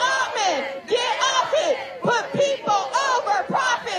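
A crowd of protesters chants the slogan "People over profit" in unison outside OpenAI's annual developer conference at the Fort Mason cultural center in San Francisco, many raised voices rising and falling in steady, rhythmic bursts over about four seconds, loud and continuous with no single speaker standing out.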